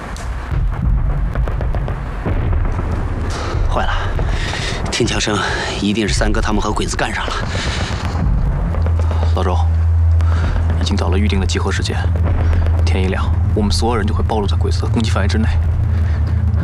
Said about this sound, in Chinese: 听枪声，一定是三哥他们和鬼子干上了。